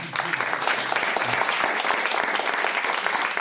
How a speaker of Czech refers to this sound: Pozdravíme pana Lukeše a zatleskáme mu.